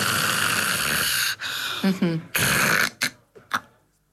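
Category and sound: vocal imitation, person imitating snoring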